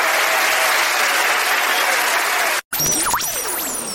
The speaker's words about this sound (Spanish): mejor aplauso al rey.